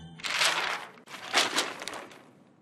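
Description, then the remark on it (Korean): Rustling of newspaper pages being handled as a father reads the paper, in two crisp, crackly bursts of about a second each. No one speaks. “아빠가 신문 볼 때.”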